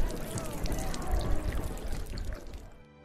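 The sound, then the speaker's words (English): Water is poured steadily for drinking for a few seconds, a continuous splashing gurgle that tapers off and stops near the end. “I'm dying. Please, water. Water. Drink and be well, brother.”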